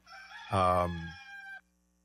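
A single rooster crows once, a loud, strained cock-a-doodle-doo lasting about a second and a half, heard close by with nothing else around it.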